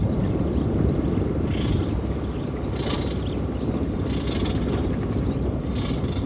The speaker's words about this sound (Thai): ราวเดือนเมษายนฝูงนกนานาชนิดเริ่มเข้ามาทำรังวางไข่และเลี้ยงลูกน้อยที่เพิ่งถือกำเนิดขึ้นมาเสียงร้องของลูกนกปลุกให้ป่าเสม็ดที่เงียบเหงากลับมีชีวิตชีวาขึ้นมาอีกครั้งหนึ่ง